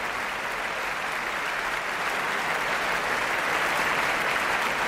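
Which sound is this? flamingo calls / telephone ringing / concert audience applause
concert audience applause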